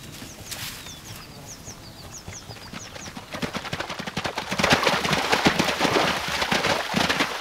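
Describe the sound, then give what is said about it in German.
Hooves of several wild horses thud and clatter in a quick, uneven rhythm, growing louder and denser toward the end, with thin bird chirps overhead early on and no one speaking. “Sie finden leicht Spielkameraden, denn Pferde leben in kleinen Familienverbänden.”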